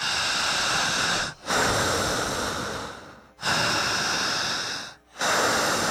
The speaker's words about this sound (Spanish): Aprendan a respirar igual que yo. Y repetiré. Al respirar, no corto respiración y no trago saliva.